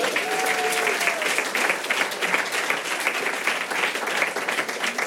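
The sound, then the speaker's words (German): A comedy show audience bursts into sustained applause for a man at the front, dense steady clapping filling the whole stretch, with a brief cheer or whoop audible at the start. “Ein Applaus für den Mann hier vorne, bitte.”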